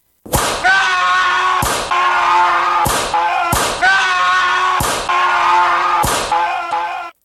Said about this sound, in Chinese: 有一日夜晚已经好夜啦，公大人仲喺度睇紧书啊。突然间向窗外面传嚟一阵阵嘅好凄凉嘅鞭打声啊！